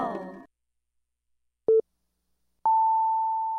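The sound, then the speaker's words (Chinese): Hourly time signal on the Taipei radio station Happy Greater Taipei 89.3, marking 23:00: after a brief tail of other sound fades out, one short low beep sounds, followed a second later by a long, higher, steady tone that holds clear and loud. “现在时间23点整。”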